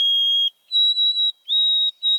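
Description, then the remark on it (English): An oversummering white-throated sparrow at Maywood Park sings in the morning in June and July: loud, clear, pure whistled notes, one steady tone, then a series of long, slightly higher held notes separated by short pauses, with no voices. “Every morning, I'd hear its clear, pipe-like song.”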